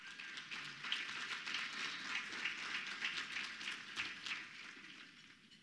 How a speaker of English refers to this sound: At this time, I would like to invite Jim Emanuel. He is the U.S. Foods Senior Territory Manager and our program sponsor for today. And so we are grateful for this. Let's receive him with a round of applause.